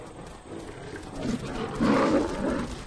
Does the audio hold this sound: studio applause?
no